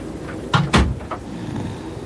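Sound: knocking on a door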